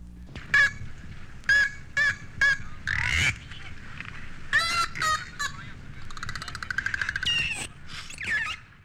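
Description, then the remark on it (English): A dolphin removed from the water for a routine medical examination lets out a loud series of harsh, honking squawks and squealing whistles of protest in short, repeated bursts, with no one talking. “This next set of sounds indicating protest was uttered by a dolphin that had been removed from the water and was being subjected to the indignity of a routine medical examination.”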